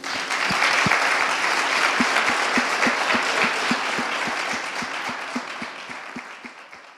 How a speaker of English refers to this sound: Let's give our scholar poets one final round of applause.